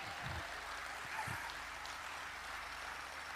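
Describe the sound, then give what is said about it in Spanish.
Steady applause from an audience fills the space, a dense wash of many hands clapping at an even level with no voices standing out. “Pero, aplaudan.”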